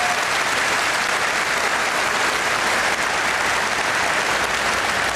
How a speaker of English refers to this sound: He needs a clap. He's a great man.